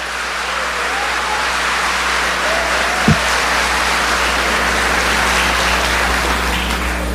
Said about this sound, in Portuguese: Pode aplaudir quem está tomando posse disso.